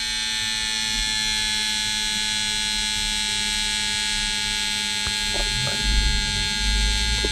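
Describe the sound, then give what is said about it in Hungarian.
A wrist blood pressure monitor's small pump whirs steadily as it inflates the cuff tightly around the wrist to take a measurement, a constant buzzing drone that never lets up, with a few faint clicks and low bumps near the end. “És egyébként ugye egészen keményen rászorítja magát ezt a kis felfújható párnát a csuklóra, és akkor úgy méri, és egész hosszan méri, hallhatjátok, még mindig zúg.”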